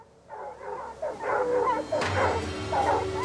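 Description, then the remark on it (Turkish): Three hunting dogs bark and yip excitedly in quick, overlapping bursts, loud, as they bay at a mountain lion weighing over 70 kilograms that they have chased up a tree. “Ama bu köpekler hiç korkmuyor. Tek bir görev için buradalar, o da onu ağaca tırmandırmak.”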